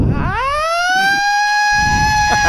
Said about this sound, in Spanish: Valórame estos fuegos artificiales y esta sirena, mira.